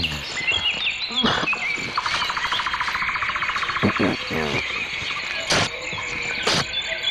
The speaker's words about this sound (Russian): Да, ну вот слышите, я вот тут навеки запечатлелся в компании наших певчих свиристелей, дроздов, зябликов, жаворонков.